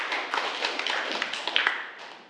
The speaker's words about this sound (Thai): อย่างที่เพื่อนๆ เราได้ตอบมาทั้ง3คนก็ถือว่าเก่งมากๆเดี๋ยวขอเสียงปรบมือให้กับเพื่อนของเราอีกครั้งหน่อยนะครับ